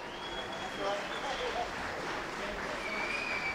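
A crowd cheers and shouts in a steady, dense roar that holds for several seconds, with a few thin high whistle-like tones rising above the noise, as Keir Starmer's car convoy departs Downing Street for the last time.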